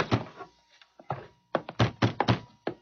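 A door being opened, with a series of heavy, irregular wooden thunks and clunks, some spaced apart and others coming in a quick cluster, with no voices.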